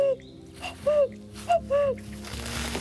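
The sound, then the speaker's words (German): A person whistles or hoots an imitation of a cuckoo in a national park, two clear two-note calls, each falling from high to low, fairly loud over a faint outdoor rustle. “Klingt wirklich echt. Kompliment. Doch wenn man viel Glück hat, hört man hier im Nationalpark auch den echten Kuckuck rufen.”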